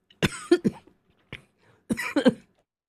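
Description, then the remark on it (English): A fairly loud burst of coughing: two quick coughs, a brief faint one after a pause, then another pair of harsh, rasping coughs, with no talking. “And I got so excited about that that I had to cough.”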